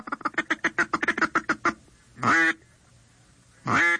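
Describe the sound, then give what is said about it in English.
A duck call blows a quick, rhythmic feed chuckle, imitating the low-pitched cackling ducks make when feeding on the water and at rest: about a dozen rapid clucks, followed by two longer, louder quacks spaced apart, clear with no talking. “As they get even closer, you will cut back on the frequency and the volume of your calling, and you will go into a feed chuckle, which is a low-pitched cackling sound that ducks make when they're feeding on the water and at rest.”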